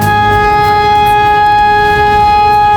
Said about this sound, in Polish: Syreny alarmowe uruchamiano co kilka godzin, by sprawdzić sprawność urządzeń i procedur przekazywania informacji. Część mieszkańców nie wiedziała jednak, jak powinna zareagować na dźwięk syren.